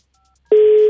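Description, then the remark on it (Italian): A single steady electronic ringback tone of an outgoing telephone call starts abruptly halfway through after near silence, holding one clear pitch at a loud level until the end. “Suonerà questo telefono? Ce la farà? Ci sarà qualcuno?”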